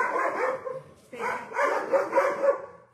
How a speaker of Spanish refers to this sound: Aquí con mis perros